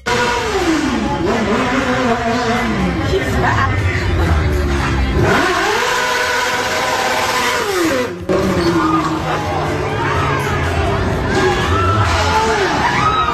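A loud crowd at alfresco dining screams and yells nonstop over a roaring, revving motorcycle doing a burnout and speeding down Wells Avenue, with a single sharp crash about two-thirds of the way in as someone throws a garbage pail at the motorcycle operator.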